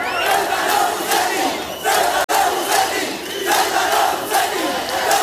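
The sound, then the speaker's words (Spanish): Hundreds of protesters surrounding the hotel of visiting government ministers in Ceuta shout and chant "traitor" at minister Torres in loud, rhythmic bursts, voices rising and falling in waves with a brief sharp dropout midway, the roar sustained throughout. “Ayer cientos de manifestantes rodearon el hotel donde se alojan los ministros del gobierno que acuden a la ciudad al grito de traidor en el caso del ministro Torres.”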